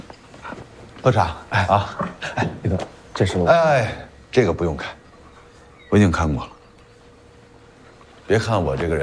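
A dog whimpers and gives short barks and yips in several bursts, fairly loud, with quieter gaps between them and a faint low hum underneath.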